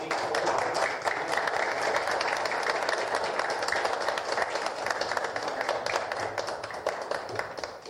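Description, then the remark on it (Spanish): Loud, sustained applause from a crowd at a municipal ceremony as the Arsenio Erico municipal merit medal is presented to a jiu-jitsu athlete, a dense wash of many hands clapping at a steady level for the whole stretch, with no voices standing out. “Fuertes los aplausos.”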